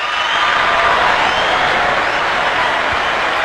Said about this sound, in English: Ooh, I got to give you some hand claps on that one.